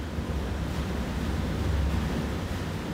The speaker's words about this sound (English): That is the sound of the water from the artificial glaciers reaching this village in this huge underground reservoir.